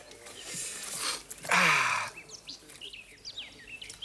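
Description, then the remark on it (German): Birds chirp in quick, high, scattered tweets on a sunny, warm autumn day, over a soft background hiss, following a brief louder rushing burst; the calls are fairly faint and irregular. “Die Vögel zwitschern, die Sonne scheint.”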